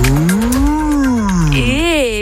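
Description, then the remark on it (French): A human voice imitates a cow mooing: a long, drawn-out low moo that swells and sinks, followed by a shorter rising moo, loud. “C'est bien la vache là.”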